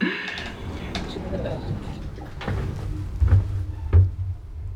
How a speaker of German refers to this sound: Tür schließt.